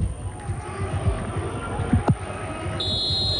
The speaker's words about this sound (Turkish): Evet, Atilla Karaoğlan son düdüğü çalıyor. Mücadele sona eriyor.